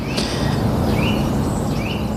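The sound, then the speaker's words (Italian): A Eurasian nuthatch sings clear, piping whistled notes in a few spaced phrases over a steady background hiss of outdoor ambience. “Questo che canta, che si sente bene, invece è il picchio muratore.”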